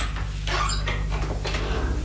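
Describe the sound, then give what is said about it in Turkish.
An unlocked house door is pushed open with a few clattering, rattly knocks spread over about two seconds, moderately loud over a steady low hum, with no voices. “Yani kapının açık olduğunu mu söylemek istiyorsun?”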